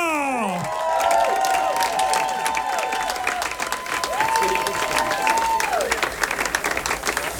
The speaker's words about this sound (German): Liebe Damen und Herren, begrüßt jetzt mit mir, gebt einen Applaus, gebt alles für die Frau, die in ihrem Leben auch schon alles gegeben hat.